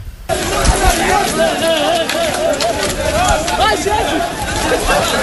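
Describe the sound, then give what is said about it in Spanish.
A large crowd running and shouting toward the port as Guardia Civil officers fail to contain them, many overlapping voices forming a dense, continuous roar that stays loud for the whole stretch, with scuffling movement underneath. “Fíjate cómo se les oye correr.”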